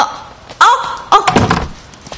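A door slams shut, a loud sharp bang followed by a heavier rattling thud as it settles in the frame, then quiet room tone.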